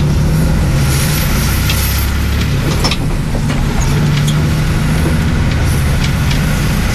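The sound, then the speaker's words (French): A steady, loud engine rumble with low droning tones fills the interior of a bus driving along the coast from the Pointe des Poulains to Le Palais, with faint rattles and clicks over the continuous hum. “De cette Pointe des Poulains où nous sommes arrivés depuis Sauzon en longeant la côte, nous allons reprendre le bus pour rejoindre le palais.”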